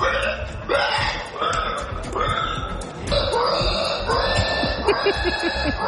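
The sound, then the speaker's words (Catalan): Contestants in a competition imitating pig squeals, a series of shrill, high-pitched squealing cries repeating about once a second in loud overlapping bursts, with no talking. “Segur que frises per sentir una mostra de les sí, habilitats d'alguns dels concursants que ho donen tot a avillats de porcs i revolcant-se per terra.”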